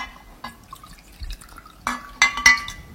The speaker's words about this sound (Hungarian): És fontos, hogy a kukorica keményítőt hideg vízzel keverjük el. Így fog nagyon jól elkeveredni, 3 evőkanál kell hozzá, és 1 deci hideg víz.